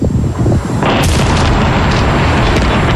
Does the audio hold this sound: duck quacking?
no